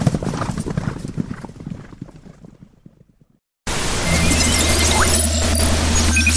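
Horse hooves clip-clop in a steady rhythm that gradually fades out, followed by silence and then a loud burst of dense, noisy sound with a sustained low hum.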